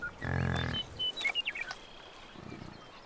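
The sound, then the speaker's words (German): A bison grunts in Yellowstone: a deep, harmonic grunt rumbles for about half a second, followed by scattered higher chirps and a faint, lower grunting murmur near the end, with no voices. “Die Luft ist erfüllt von Grunzen, Staub und strengen Gerüchen.”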